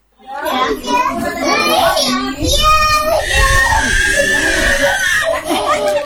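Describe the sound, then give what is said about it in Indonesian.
A baby wails loudly and continuously with strained, high-pitched cries at the Merak community health post (Posyandu) in Selumit Pantai, Tarakan, amid other children's voices and background chatter. “Suara tangisan bayi terdengar nyaring dari Posyandu Merak, Kelurahan Selumit Pantai, Kota Tarakan.”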